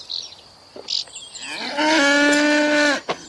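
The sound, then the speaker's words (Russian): A cow being milked by a soldier in a headscarf moos once, a long loud harmonic bellow lasting over a second, preceded by a few faint clicks and rustles, with no one speaking. “Солдат в платке доит корову.”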